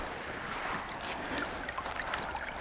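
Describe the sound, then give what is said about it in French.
Water laps gently and continuously at a peat bog at about 750 metres altitude, a steady hiss of small splashes with occasional brighter little slaps, moderately loud and without any voices. “On retrouve le clapotis de l'eau, la tourbière, encore une fois.”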